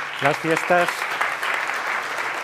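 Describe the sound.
An audience breaks into steady applause, a dense wash of clapping that holds through the whole moment, with a few short voiced words heard over it at the start.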